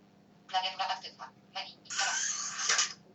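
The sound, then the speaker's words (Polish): A brief electronic voice prompt announcing that the keyboard is active, then a loud, airy pneumatic whoosh lasting about a second as a slider phone's keyboard slides open with the Slide helper program running. “No i powiedział klawiatura aktywna i się, że tak powiem, dźwięk pneumatyki rozległ.”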